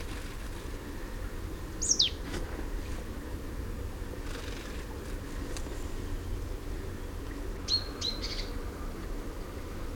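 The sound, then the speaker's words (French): A great tit (mésange charbonnière) gives winter calls rather than its territorial spring song: one sharp, high, downward-sliding note, then later a quick burst of three or four thin chirps, all fairly faint over a steady low background rumble. “C'est une charbonnière, je crois. Oui, une mélange charbonnière.”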